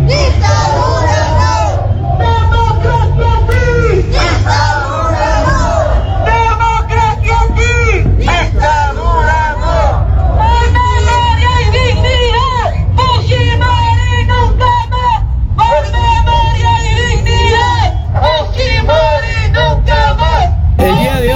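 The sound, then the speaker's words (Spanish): A large crowd on a protest march against Fujimori in Huancayo chants loudly in rhythmic, repeated bursts of many voices, with a steady low rumble underneath, scattered shouting between phrases, and people at their windows applauding. “La gente en sus ventanas aplaudiendo sobre esta marcha en Huancayo.”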